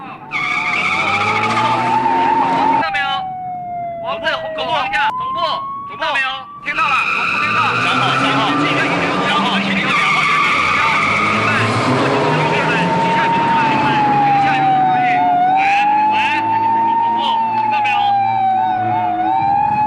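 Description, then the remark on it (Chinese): Car tires squeal in a long, loud skid during a police car chase as the car speeds up and turns right, the squeal rising and falling in pitch almost continuously, with brief bursts of rumbling vehicle noise and voices mixed underneath. “警车追我们，否则休怪我们无情。”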